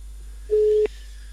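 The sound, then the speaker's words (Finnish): A single short, steady telephone ringing tone of an outgoing call made from a mobile phone sounds once at moderate volume, ending with a faint click, over a quiet line hum with no voices. “Nyt sitten soitellaan puhelimella.”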